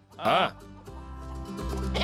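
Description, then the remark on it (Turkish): A goat lets out a short, wavering bleat as goats are released into a farm enclosure with an electric fence, followed by lower, steadier animal calls or murmuring voices that build toward the end. “Keçiler de işe yarayacak mı bakalım? Evet. Keçileri salalım hadi.”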